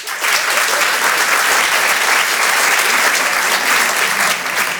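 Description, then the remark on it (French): An audience at the Apollo applauds loudly and steadily for about five seconds, a dense wash of clapping that holds an even level throughout with no voices standing out. “Alors, juste par applaudissement et vraiment par honnêteté ce soir, soyez honnête avec moi, par applaudissement, qui ne me connaît pas du tout?”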